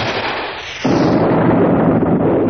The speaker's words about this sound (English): There's an explosion and a blinding flash.